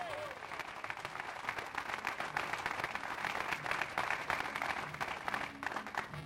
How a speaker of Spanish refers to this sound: Den un fuerte aplauso al Señor en esta hora, a su nombre sea la gloria.